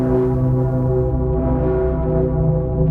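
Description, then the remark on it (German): The Dicker Pitter, the largest bell of Cologne Cathedral, booms continuously, its low fundamental and many sustained overtones humming together in a rich, steady drone with slight pulsing swells. No voices are heard. “Das hier ist der Dicke Pitter. So nennen die Kölnerinnen und Kölner die größte Glocke im Kölner Dom.”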